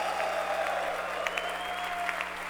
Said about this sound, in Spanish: Los hijos de Shaddai aplauden. Ese aplauso a Shaddai.